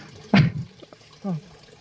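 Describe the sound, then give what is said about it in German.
A brief gush of water from a hand pump splashes out once as water is poured, fairly loud, followed by a short voiced sound and quiet background. “Gut, und jetzt wird gegossen, wenn ich das richtig sehe, ja? Wunderbar, dann würde ich sagen, Wassermarsch.”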